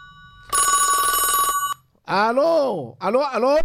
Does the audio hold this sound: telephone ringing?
yes